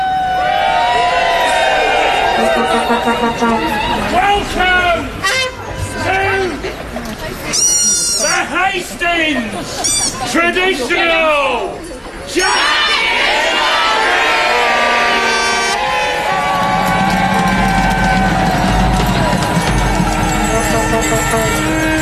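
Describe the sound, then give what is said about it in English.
A dense, loud crowd, enveloped in green smoke from a flare, fills the scene with overlapping chatter, shouts and rising whoops of cheering, sustained throughout with only a brief lull midway. “Green smoke from a flare escapes through the letterbox and envelops the crowd as the atmosphere intensifies.”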